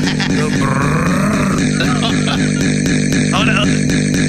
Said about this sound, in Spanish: Aquí hacemos la motosierra. Era. Con los jugadores. Es una motosierra, güey.